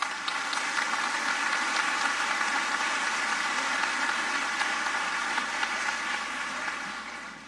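Sustained audience applause for a National Choir soloist and a Peruvian tenor, a dense wash of many hands clapping at a steady level for several seconds before tapering off slightly at the end, with no voices.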